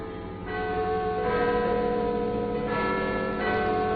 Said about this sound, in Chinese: 钟声响了，如此振奋的力量